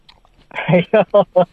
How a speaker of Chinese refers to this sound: 你听一听这柿子好不好吃啊，我给你嚼一下子。